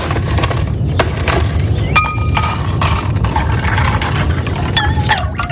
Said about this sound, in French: Ah, des glaçons. Bah oui, on en veut bien des glaçons.